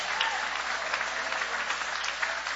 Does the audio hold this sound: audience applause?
yes